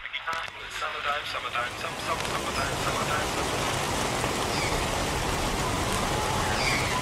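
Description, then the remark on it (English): Steady spring rain pours down in a dense, continuous hiss, loud, holding an even level from start to finish with only a faint murmur at the very beginning. “We are road tripping today through the spring rain”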